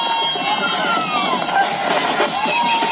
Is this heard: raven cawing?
no